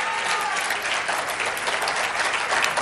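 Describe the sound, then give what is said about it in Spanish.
Sustained applause from a large crowd thanking and bidding farewell to the President of the Nation after his speech, at an event with a dinner to follow: a dense, steady wash of clapping with no pauses, loud and continuous throughout, with no voices standing out. “Señoras y señores, agradecemos y despedimos al señor Presidente de la Nación con este aplauso.”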